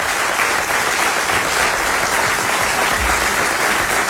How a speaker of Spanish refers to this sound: Aplauso